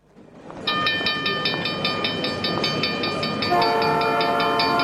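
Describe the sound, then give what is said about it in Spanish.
A Tren Zonal train rushes by with a loud, steady roar and rapid rhythmic clatter, then a sustained, chord-like horn blares over the noise through the last second. No voices. “Atención pasajeros, próxima estación en la vía libre del tren Zonal.”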